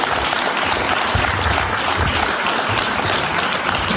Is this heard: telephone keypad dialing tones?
no